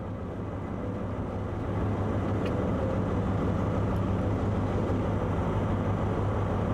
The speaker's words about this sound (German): Mit 36 Trailern geht's vom Seehafen zum Güterbahnhof. Marian hat fast 2000 Tonnen im Schlepp.